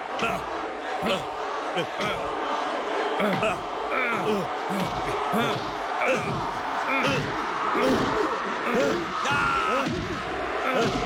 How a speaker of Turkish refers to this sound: Balboa Rus'un üstüne gidiyor. Rocky Balboa Rus'a ard arda yumrukları indiriyor. Ama Drago, Rocky Balboa esasemeten sıkı bir sağ vuruyor.